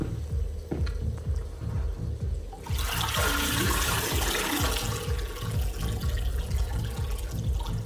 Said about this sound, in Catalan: Pots recuperar les claus abans que algú estire la cadena?